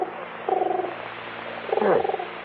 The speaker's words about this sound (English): How about that? Pigeon on the windowsill. Yeah, it's looking for food. Sherman must have fed them.